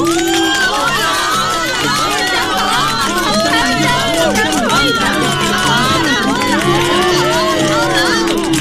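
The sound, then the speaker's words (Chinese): A crowd cheers joyfully, many voices shouting and whooping over one another in a steady, loud jumble for the whole stretch, with excited calls rising and falling throughout. “哎呀妈，这么落后的办法，他们还欢呼雀跃的。”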